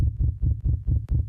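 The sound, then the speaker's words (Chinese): A rapid heartbeat sound effect: deep, muffled thumps pulsing quickly and steadily, about five beats in a second and a half, loud with no voices, plus a brief click near the end. “心跳指数上升中。”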